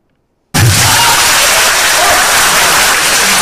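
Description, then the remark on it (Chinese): A large audience bursts into loud, sustained applause after a brief silence, the dense clapping mixed with some cheering, as performers of the Qingqushe troupe come on stage for a xiangsheng crosstalk comedy performance. “实际我们上来你已经热烈鼓掌”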